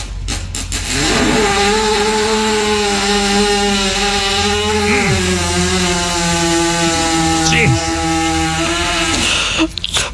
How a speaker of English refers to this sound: Unbelievable. I can't believe an animal can make that noise. Sounds like a chainsaw. Dude, it almost sounds like an F1 car. You know, like, it sounds like a race car, man.